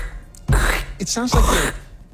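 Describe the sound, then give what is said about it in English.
A voice imitates footsteps crunching through dry fall leaves, making two loud, harsh, breathy bursts with a short wavering vocal tone between them. “I'm still not on board with the walking in the fall leaves.”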